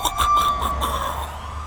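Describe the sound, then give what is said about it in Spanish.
Police sirens wail steadily in a city at night, with patrol cars everywhere: a sustained high tone over a low rumble of traffic, with brief rhythmic pulses near the start and no voices. “Noche pesada en la ciudad. Sirenas sonando, patrullas por todas partes y los comandantes reportándose por radio.”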